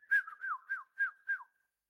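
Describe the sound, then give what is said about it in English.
A person whistles a short birdlike phrase of five quick chirping notes, each swooping down in pitch, clear with no talking, then silence. “Okay, then the birds, they sing, and the birds can whistle.”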